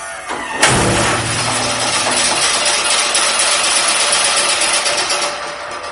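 A NASA test launcher fires a harpoon, triggered by pressing a button with the safety door shut, with a sudden sharp blast, followed by a loud, sustained mechanical rush and whine that holds steady for several seconds, with no voices.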